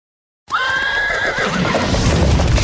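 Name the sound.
horse neighing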